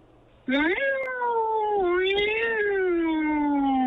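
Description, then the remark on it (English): A human voice imitates an angry, fighting cat with a loud, drawn-out caterwaul that rises sharply, then wavers up and down for several seconds. “I could throw an angry cat, a fighting cat. Wait, that's the same. Okay, let's hear this angry fighting cat.”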